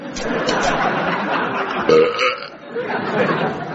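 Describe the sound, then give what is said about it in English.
A long, rumbling belch, loud and gravelly, stretching on for several seconds with a brief surge partway through before trailing off. “Away, it's only a belch, man.”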